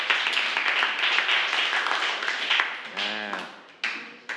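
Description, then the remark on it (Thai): A class of student groups applauds themselves in encouragement for several seconds, a dense steady patter of many hands clapping, then it fades while a voice briefly speaks and a few claps trail off at the end. “ก็สำหรับวันนี้ถือว่าพวกเราทุกกลุ่มนะครับถือว่าสอบผ่านในระดับที่ดีมากเลยนะครับขอเสียงปรบมือให้กำลังใจให้กับตัวเองหน่อยนะครับ”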